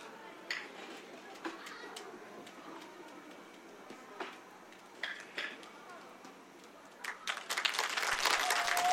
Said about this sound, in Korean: 네, 우리 속초 아리랑 보존회에서 보여준 공연이었습니다. 큰 박수 다시 한번 부탁드리겠습니다.